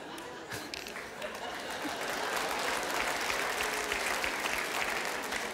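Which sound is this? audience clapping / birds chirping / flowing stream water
audience clapping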